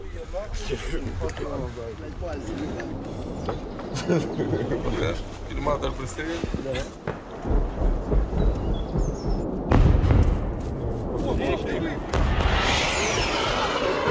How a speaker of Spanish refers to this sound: Misiles de crucero, son cohetes. Maldita sea. Se acerca cada vez más.